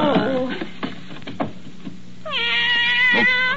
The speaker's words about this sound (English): By the great horn spoon. A cat in my desk. And a blanket.